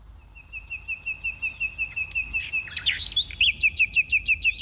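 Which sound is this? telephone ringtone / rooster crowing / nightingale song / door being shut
nightingale song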